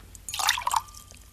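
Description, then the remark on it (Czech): A brief splash of water poured into a glass, lasting about half a second with a bright, rising gurgle, fairly quiet, then fading to a soft hum. “Jen trochu té vody, prosím.”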